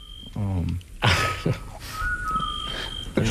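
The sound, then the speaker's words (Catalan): A scops owl calls with short, steady whistled notes, a soft mellow tone repeated a few times over a noisy, hissing background, with brief murmurs of a voice. “Això em consta que és un xot, que seria mussol, no?”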